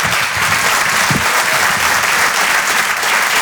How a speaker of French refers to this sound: Je vous demande de l'applaudir lui aussi très fort.